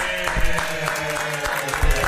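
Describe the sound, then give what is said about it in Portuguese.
A steady burst of applause from a group, dense overlapping claps holding an even loudness for about two seconds with a faint tonal hum beneath. “Peraí, vamos aplaudir, Chegou todo mundo aí, vamos trabalhar, gente.”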